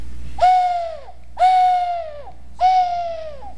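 An owl-shaped whistle blown three times, each a steady, breathy hoot that droops in pitch at the end, evenly spaced, fairly loud with no talking.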